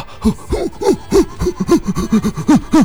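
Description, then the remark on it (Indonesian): Rapid, heavy gasping breaths repeat in a steady, labored rhythm, about a dozen harsh voiced inhales and exhales, from someone so out of breath after overexerting in a heavy gym workout. “Wah, itu terlalu ini banget ya, memaksakan diri sampai sesak nafas.”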